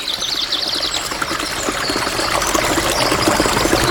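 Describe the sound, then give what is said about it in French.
A steady rush of a river flowing in the distance, soft and continuous, with faint birds chirping above it. The river noise swells slightly louder toward the end, with no voices present. “Il entendit au loin une rivière et s'en approcha.”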